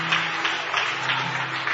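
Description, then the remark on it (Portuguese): A church audience applauds the Lord in a steady, dense wash of clapping that holds at an even level throughout, with no one speaking over it. “Aplauda Ele.”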